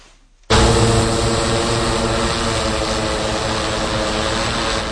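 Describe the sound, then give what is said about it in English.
A hospital delivery drone at Upstate University Hospital, used to transport patient medications, blood or lab specimens: its propellers kick in abruptly after a brief quiet moment, then hold a loud, steady buzzing whir with layered harmonic tones. “Transporting patient medications, pints of blood, or lab work is getting easier for Upstate University Hospital with the use of drones.”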